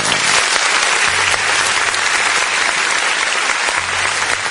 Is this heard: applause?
yes